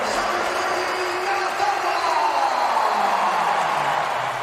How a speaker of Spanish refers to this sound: Minuto 53, entra Cazorla al juego y todo el estadio en pie aplaudiendo, jugadores del Real Madrid incluidos.